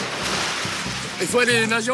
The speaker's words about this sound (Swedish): Plötsligt kastar han sig i en bakåtvolt och landar med ett plask ner i vattnet.